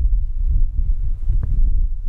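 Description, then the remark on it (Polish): Strong wind outdoors buffets the microphone, which has a windscreen fitted, in a continuous low, rumbling roar with uneven gusts swelling and dipping throughout; no one speaks. “Nawet większy wiatr.”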